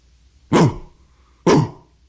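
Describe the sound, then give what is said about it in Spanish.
Two loud, gruff barks from a sheepdog, about a second apart, each a sharp burst that trails off quickly, with quiet between them and no talking. “Contestó el perro feliz de oír a alguien en su idioma y la zooplática tradujo: Buenos días, mi amigo.”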